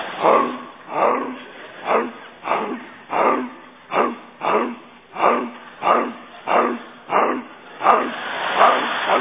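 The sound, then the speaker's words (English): A human voice imitates a barking dog, letting out a steady, rapid run of about fourteen loud barks, with no words spoken. “I'm a dog. I'm barking.”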